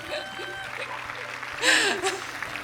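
An audience claps steadily in a dense, crackling wash of applause that swells briefly louder midway, with scattered voices and faint laughter mixed in.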